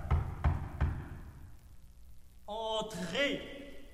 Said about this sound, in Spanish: Tocan a la puerta. De inmediato abre y un señor se presenta como periodista de París.